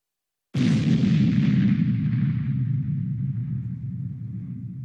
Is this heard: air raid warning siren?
no